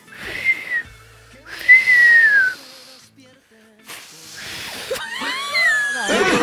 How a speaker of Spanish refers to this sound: No, me agarro el hocico y me lo tiro para afuera. …, y ahí... sí, ¿pero ah, pero silba para afuera?